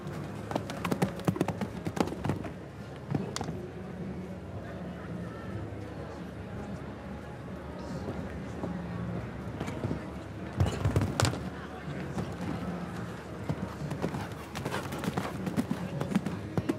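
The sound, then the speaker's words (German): Hooves of a show-jumping horse galloping in the second round of a competition thud in a steady, rhythmic beat over a constant background rumble, with a few sharper knocks and clatters standing out along the way. “Lässt das Pferd frisch galoppieren.”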